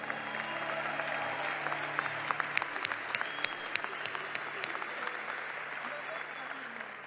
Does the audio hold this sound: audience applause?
yes